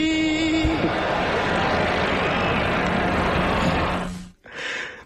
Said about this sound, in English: There's concern in the crowd. There's a buzz. There's laughter.